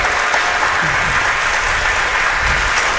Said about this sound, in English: Okay, let's give our candidates a round of applause for a great forum here today.